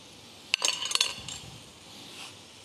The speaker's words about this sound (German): Dann schneiden wir das Schweinefilet auf.